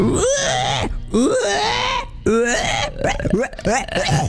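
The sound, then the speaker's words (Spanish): A person's voice imitates a pig in an imitation contest, making a string of throaty grunts and squealing, wavering vocal noises in several loud bursts with brief pauses between them. “Es muy difícil hacer el cerdo, chico.”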